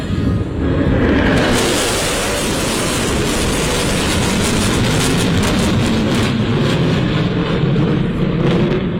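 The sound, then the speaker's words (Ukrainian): A loud, continuous roar of US B-1 Lancer strategic bombers passing overhead, a deep rumble that swells within the first second and stays heavy throughout, with no voices. “Реакцію на літаки вдалося зафільмувати журналістам.”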